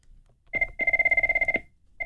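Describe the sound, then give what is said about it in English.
A telephone ringing tone sounds in steady bursts after a number is dialed: a short burst, a longer trilling ring of rapid pulses, then another ring beginning, with no one talking. “The phone's ringing.”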